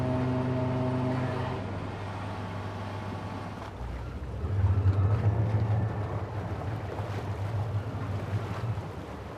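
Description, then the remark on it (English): Two boat engines drone steadily with a deep, continuous hum, joined by rushing water and wind noise; the engine tone shifts partway through and grows slightly louder and rougher. “Yeah, I got 2 engines. Some people have 4, you know.”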